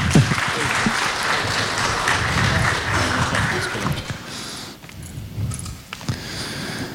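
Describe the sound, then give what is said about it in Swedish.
An audience breaks into a big round of applause as the next testimony speaker is welcomed up. It is a dense crackle of many hands clapping that holds steady for several seconds, then thins out and fades toward the end. “En stor applåd.”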